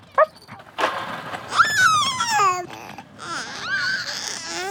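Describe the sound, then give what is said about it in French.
A small dog being walked by an old man on a sidewalk gives a short sharp bark, then a string of yelping, drawn-out whining cries, fairly loud, with no talking. “Il croise un vieux monsieur qui promène son chien.”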